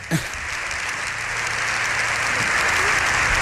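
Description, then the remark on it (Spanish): Loud, sustained applause from a joint session of Congress and Senate with full public galleries, a dense wash of many hands clapping at once that swells slightly and holds steady throughout, with no voices standing out. “Esto también es insólito, alguien que concite los aplausos vamos, de toda vamos.”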